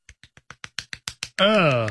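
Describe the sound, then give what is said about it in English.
Nine quick, sharp slaps of fingers against a palm, a one-handed clap that speeds up slightly and grows louder, followed by a sustained voice sliding down in pitch. “Yeah, your finger slapping your palm.”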